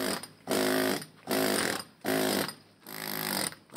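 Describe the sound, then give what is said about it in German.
Loud construction noise from restoration work at the Hercules monument in the Bergpark: a power tool runs in four rough, grinding bursts of about half a second each, separated by brief pauses, with no voices. “Mit dem Baulärm, den Gerüsten und Planen am Herkules und im Bergpark müssen sich die Besucherinnen und Besucher also weiterhin abfinden.”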